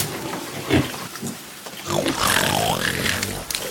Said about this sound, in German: Hierher, kommt hierher. Wollt ihr wohl herkommen, ihr kleinen Grunzer? Ja, so ist es gut. Kommt her.